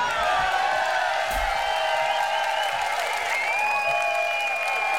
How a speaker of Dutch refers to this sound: verwacht dat jullie een heel zacht applaus kregen hier in Den Haag.